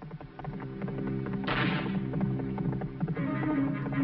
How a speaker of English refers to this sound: Marshal Bob is riding Blaze, the fabulous new galloping horse from Mattel. See, his legs actually move just like a real horse. There's no other riding horse anywhere that gallops like Blaze.